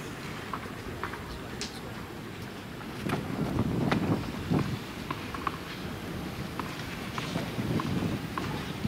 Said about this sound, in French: J'ai l'impression que le vent a encore augmenté, c'est ce que j'allais dire, et ça se vérifie sur ce lancer de balle.